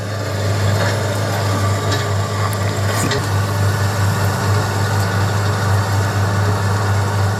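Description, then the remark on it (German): A heavy excavator engine runs steadily at a riverside gold-mining site, where it digs up large heaps of earth, its deep, constant diesel rumble droning throughout with faint mechanical clatter and no pauses. “Aber dieses Mal ist ein Traktor, oder? Ja, das ist ein Bagger.”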